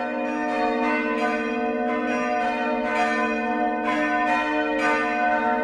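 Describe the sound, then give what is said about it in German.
Several church bells, from the smallest to the large bell, peal together in a continuous, overlapping ring, with steady humming tones and repeated strikes roughly every second, fairly loud and full, with no voices. “Und je nachdem, was für ein Fest war, hast du das Glockengeläute, das hast du im Ohr.”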